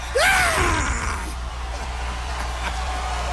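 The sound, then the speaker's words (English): Howard Dean lets out a loud, excited, rising scream at a campaign rally that breaks at the top, followed by roaring crowd noise and cheering that continues underneath. “That scream cost Howard Dean the presidency of the United States.”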